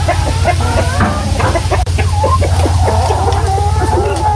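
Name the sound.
chickens clucking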